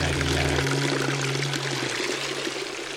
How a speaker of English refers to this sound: Where does it flow? Perhaps it is marble. Or is it water? Perhaps you don't see how the water runs along the edges and is hidden in the drains thereafter.